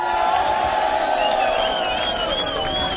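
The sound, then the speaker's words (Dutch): A large concert crowd at a Radio Continu on Tour show cheers and applauds the band steadily, with dense clapping underneath and high whoops and shouts rising over the roar throughout. “Geef ze een groot applaus, jongens.”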